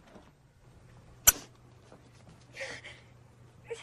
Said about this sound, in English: Meredith rushes out of the room towards the kitchen and opens the refrigerator.